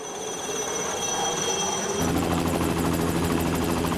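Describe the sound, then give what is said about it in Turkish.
A fleet of helicopters takes off in fine weather in Hong Kong for cable car tower construction work, engines whining and rotors chopping steadily, growing louder and denser partway through as they lift off, a continuous mechanical roar with no talking. “3 Liner helikopterlerinden oluşan bir filo havalanıyor.”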